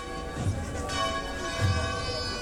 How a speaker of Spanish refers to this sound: Vemos también cómo se escucha el replique de las campanas.